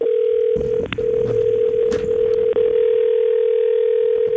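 A steady, unbroken mid-pitched American long telephone ringing tone hums for several seconds on a call to a phone in New York, USA, with faint clicks and line noise underneath and no one speaking.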